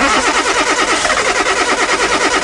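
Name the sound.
car engine cranking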